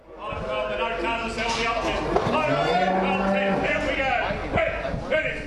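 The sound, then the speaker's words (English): Cattle low in the pens of the Shepparton sale yards, which hold sheep and cattle for sale. One long, deep moo stands out over a dense, noisy background of other animals, indistinct voices and scattered knocks and clatter. “At the Shepparton sale yards, there are pens of sheep and cattle that are probably going to be sold above their market value.”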